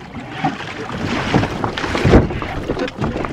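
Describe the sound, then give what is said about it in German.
A rowing boat moves through water toward a tree root winding between jetties, with a few strong oar strokes splashing and surging over a steady rush of water and wind. “Dann, mit kräftigen Ruderschlägen, erreichten sie eine der Baumwurzeln, die sich verborgen zwischen den Anlegestegen durch das Wasser schlängelten.”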